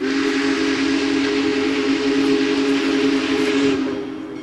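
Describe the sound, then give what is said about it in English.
The Big Boy steam locomotive, engine 4014, 133 feet long and pulling an 18-car train, barrels past with bells ringing: its whistle blares loud and steady for several seconds over heavy, rushing train noise, then begins to fade as it passes close by. “Then we see the headlights in the distance, and before we know it, the Big Boy, 133 feet long, comes barreling past us, bells ringing and steam whistle blaring.”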